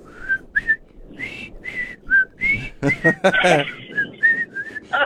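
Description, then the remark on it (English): A person whistles a short, bouncy melody with clear sustained notes, fairly loud, briefly interrupted by a burst of breathy, noisy sound in the middle before the tune resumes. “I can't even whistle this morning.”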